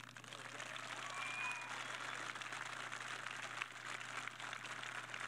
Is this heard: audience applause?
yes